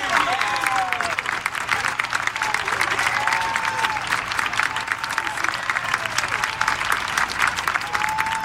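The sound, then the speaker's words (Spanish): Steady, loud applause from an audience bidding farewell to the fairy Sarina, dense clapping sustained throughout with scattered voices calling out over it. “Queridos lectonavegantes, despidamos a Sarina con un gran aplauso.”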